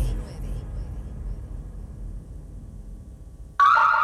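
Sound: security alarm going off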